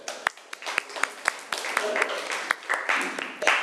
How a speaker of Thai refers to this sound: โอเคค่ะปรบมือให้เพื่อนหน่อยค่ะ